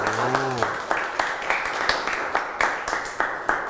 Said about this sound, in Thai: ขอเสียงปรบมือให้กลุ่มที่5อีกรอบนึงครับ